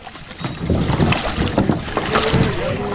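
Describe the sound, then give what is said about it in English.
Water sloshes and splashes steadily as about 70 paddlers climb out of their kayaks and wade through water and rocks at a boat ramp at Washington Crossing Historic Park on the Delaware River, with scattered knocks and a faint background murmur over outdoor wind. “About 70 paddlers fumbled out of their kayaks and waded through the water and rocks at a boat ramp at Washington Crossing Historic Park as part of the week-long paddling event.”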